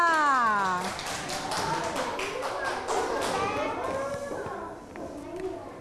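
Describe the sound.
Children in a classroom clap together for a pupil who answered during an English lesson, a quick, uneven patter of sharp claps that lasts a few seconds, while a woman teacher speaks over it in a sing-song voice.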